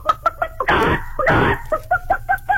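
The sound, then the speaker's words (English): A person imitates a chicken, with quick rhythmic clucks broken by two loud, drawn-out squawks in the middle, alone. “You got chicken. Chicken? Yeah. Oh, I can do this one.”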